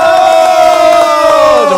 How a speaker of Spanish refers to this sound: Una feliz tarde. Fuerte el aplauso.